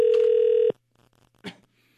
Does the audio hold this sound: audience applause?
no